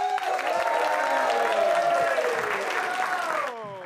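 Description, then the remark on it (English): A comedy show audience claps and cheers for the next comedian in a dense, steady burst of applause that stays loud throughout, with whoops and voices rising over the clapping before it drops off at the end. “A big round of applause.”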